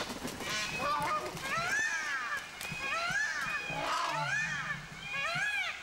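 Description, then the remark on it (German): A flock of geese cackles loudly and nonstop, their harsh overlapping honks rising and falling for the whole stretch as they spread their wings and run. “Aber die gehen da wirklich mit Enthusiasmus, breiten sie die Flügel aus und fangen ans Rennen an und schnattern ganz laut und führen sich auf.”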